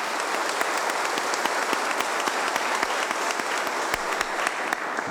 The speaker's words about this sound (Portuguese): o acolhemos com uma salva de palmas.